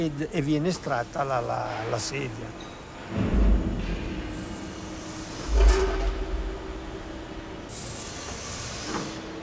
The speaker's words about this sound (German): Zuerst erhitzt man das Polypropylen. Wenn es flüssig ist, wird es in die Form gespritzt. Nach dem Abkühlen öffnet sich die Spritzform und der Stuhl wird herausgezogen.